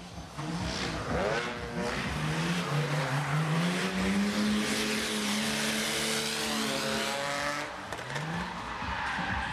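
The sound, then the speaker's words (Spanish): A car drifts during a drifting exhibition at a car event, its engine revving hard, pitch rising and falling, while tires squeal and skid continuously across the whole stretch. Loud, with no voices. “Los asistentes pudieron disfrutar de distintas iniciativas, entre ellas exhibiciones de derrapes, por ejemplo.”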